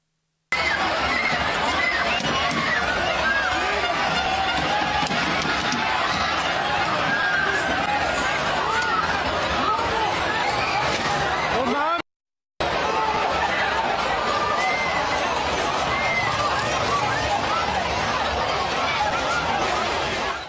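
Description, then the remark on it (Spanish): A dense, loud crowd of Mexico football fans celebrating in the street in Cabo San Lucas, Baja California Sur, many voices shouting and chattering together in a continuous roar, broken by a brief silent cut partway through. “nada más lo que ocurrió en Cabo San Lucas, en Baja California Sur, cuando los hinchas de México estaban celebrando, pero un auto se metió en medio de ellos y arrolló por lo menos a 17 fanáticos.”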